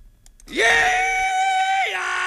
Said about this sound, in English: Yeah! Don't let me startle you. I'm just doing the rebel yell here to kind of kick things off. You know what I mean?